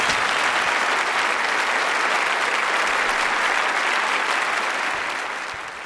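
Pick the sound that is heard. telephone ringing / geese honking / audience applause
audience applause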